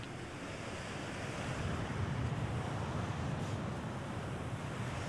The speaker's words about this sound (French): Enregistrement tissu de la chaise, prise 1.